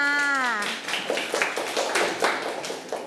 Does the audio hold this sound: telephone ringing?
no